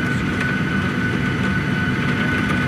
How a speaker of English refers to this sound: Our plane on the ground 50 meters from the gate. And there we stayed. Ground crew, rightly, had to be safe. Sheets of rain, and you can hear the hail now. Pea-sized hail.